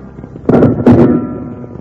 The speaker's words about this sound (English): They found no trace of the missing crook, but the angry crowd, close on their heels, started firing wildly at the two lawmen.